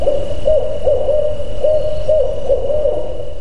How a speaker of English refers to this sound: The barred owl has a very distinctive call. That's the one that goes, "Who cooks for you?"